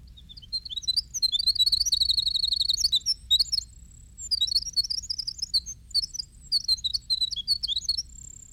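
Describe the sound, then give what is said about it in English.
A winter wren sings a long, rapid, high-pitched song of tumbling trills and twittering notes, delivered in several bursts with brief pauses, clear over a low background rumble. “This is the winter wren.”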